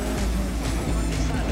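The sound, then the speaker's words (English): A rally car roars steadily on a wet rally stage with standing water, its engine rumbling low beneath a constant wash of hissing spray, with voices faintly audible underneath. “Just a little wiggle from the car there.”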